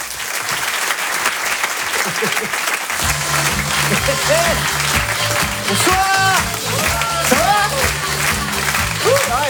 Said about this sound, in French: Je vous demande un tonnerre d'applaudissements s'il vous plaît pour Walidia.